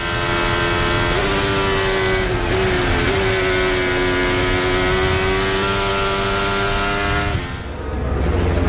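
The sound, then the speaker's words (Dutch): A loud, high-revving Formula 1 car engine drones steadily with a couple of brief pitch shifts as it downshifts twice, then cuts away near the end. No voices. “Normaal schakel je één keer terug. Hij schakelt daar twee keer terug.”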